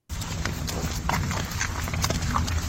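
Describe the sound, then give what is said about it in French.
Heavy ox hooves clop steadily on a hard surface, a series of evenly paced footfalls over a low rumbling background, with no voices. “On entend des pas. On entend des pas et même c'est pas de bœuf.”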